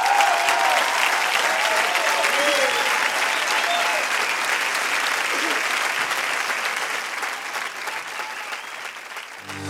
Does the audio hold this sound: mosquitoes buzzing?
no